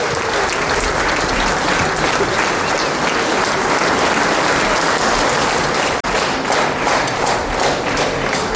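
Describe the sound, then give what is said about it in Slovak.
Sustained applause from a concert audience fills the whole stretch, a dense, steady roar of clapping hands at full volume with a brief dip near the end before continuing. “Je veľmi ťažko prerušiť vaše potlesky, ale aj tak veľmi pekne ďakujeme.”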